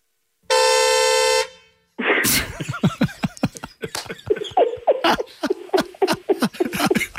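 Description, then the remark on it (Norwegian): A single loud, steady honk from a squeezed toy ball, buzzy and held for over a second, followed by a burst of bright, squealing laughter. “Altså, nå bare sier jeg det, men nå skal jeg bare ta så klemme til på ballen også, så skal du få høre hvordan det er.”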